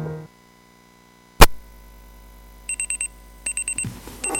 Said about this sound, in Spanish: El despertador.